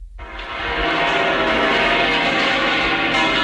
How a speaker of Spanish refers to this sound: Además, se escuchaban, por ejemplo, las campanas de la Catedral de la Almudena.